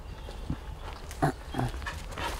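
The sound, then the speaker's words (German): Dogs playing off the leash, with a few short, scattered yelps and grumbling noises over a steady outdoor background hum. “Hundekenner denken bestimmt, was hat er denn, die spielen da einfach.”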